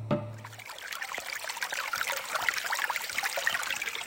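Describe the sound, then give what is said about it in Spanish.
Water trickles and babbles steadily for a few seconds, a continuous splashy flow with bright droplet sounds and no voices, after a brief low hum at the very start. “Escuchamos el silencio del agua que se va.”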